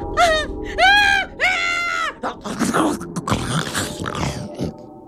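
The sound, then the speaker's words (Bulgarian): A person vocally imitates a lion's roar: loud, wavering high cries give way to a harsh, raspy growl that rumbles on for a few seconds. “Това беше лъва!”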